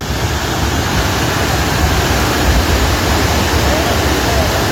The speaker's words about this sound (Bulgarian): Водата отнася всичко по пътя си.